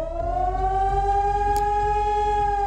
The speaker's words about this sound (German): Heute ist wieder bundesweiter Warntag. Im Ortenau-Kreis heulen die Sirenen in insgesamt 32 Kommunen. Auch Rastatt und Baden-Baden beteiligen sich an dem Testalarm.